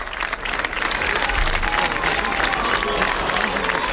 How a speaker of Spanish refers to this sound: Mira los vivas al Papa y los vivas al Papa de todo el público que lo despiden de esta manera.